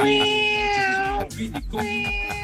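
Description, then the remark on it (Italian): A cat meows twice, a long drawn-out wail followed after a short pause by a second, shorter meow, both loud and clear. “Adesso vabbè, hai parlato di gatti e vengono fuori lui gatti.”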